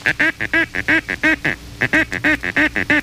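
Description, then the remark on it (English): A duck call sounds the paducah call, used to attract ducks: a fast, steady string of nasal, quacking notes, about fifteen in all, split by a short pause near the middle. It's fairly loud and alone, with no voices. “The paducah is rarely made by ducks, but it does attract them.”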